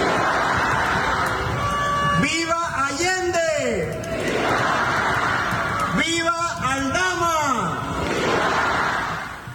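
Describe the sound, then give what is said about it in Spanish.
A large crowd in the Plaza de Armas in Querétaro, Mexico, roars in two loud bursts of shouted vivas at the independence grito led by governor Mauricio Curi, voices rising and falling together in ragged chant-like waves over a steady background din of many people. “En el estado de Querétaro, el gobernador Mauricio Curi encabezó el grito de independencia, donde siempre en la Plaza de Armas lanzó vítores a Hidalgo, a Morelos, a Allende y a Doña Josefa.”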